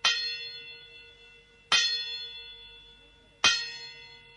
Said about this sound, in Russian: Прозвучало 4 негромких и затем 5 звонких мелодичных удара. Часы отбивали 5.